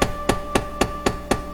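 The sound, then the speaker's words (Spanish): Knocking on a house door at nightfall by an old traveller caught out by the night in cold and snow: seven sharp, evenly spaced raps in quick succession, each a crisp wooden thud, with a faint steady hum running underneath. “Empezaba a caer la noche cuando de repente la mujer oyó que llamaban a la puerta.”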